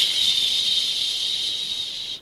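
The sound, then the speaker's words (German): A steady, high-pitched hiss of air escaping from a punctured front bicycle tire that has just been pumped up, holding even for about two seconds before cutting off abruptly. “Psch. Gibt's doch gar nicht. Ein Loch drinne?”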